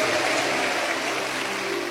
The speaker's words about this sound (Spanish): Un aplauso al Espíritu Santo. ¡Da gloria a Dios, iglesia!